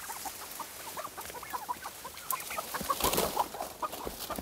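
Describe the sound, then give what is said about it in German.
A flock of turkeys hiding behind bushes, clucking and chattering in short, repeated bursts, the calls overlapping irregularly with a rustle of movement underneath, growing a little louder midway. “Die Puten haben sich derweil hinterm Gebüsch versteckt.”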